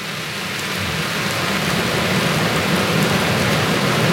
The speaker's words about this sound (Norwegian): Vi sitter på en utescene utenfor Nidarosdomen, og det øsepøse regner på plastiktak over oss. Så det blir litt mye lyd rundt her.